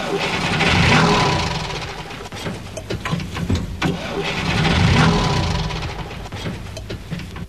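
A car engine cranks over and over without catching, the starter's rhythmic grinding swelling up twice and sputtering out each time, loud with no voices.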